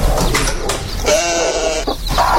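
A lamb bleats repeatedly: a few short, bright cries followed by one long, wavering, quavering bleat, then another brief call, loud and alone without any talking.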